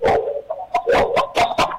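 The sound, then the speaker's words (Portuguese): A dog barks repeatedly in quick, uneven bursts, six or seven yaps in under two seconds, sounding thin and tinny over a telephone call to an FM radio station, with no one talking. “Agora deu um lanche esse cachorro.”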